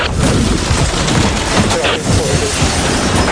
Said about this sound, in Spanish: Me ha caído el helicóptero encima, pero estoy con unos auriculares y con un casco especial intentando que nada no se distinga.